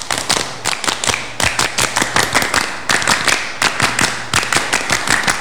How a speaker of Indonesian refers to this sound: 2 kali tepuk pramuka.